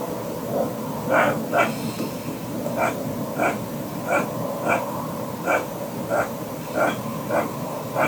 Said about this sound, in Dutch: Nou ja, ik wist het ook niet. Bij Vroege Vogels wisten we het niet. Maar we hebben het even voorgelegd aan zoogdierexpert Jascha Dekker. En die denkt dat het misschien een ree is.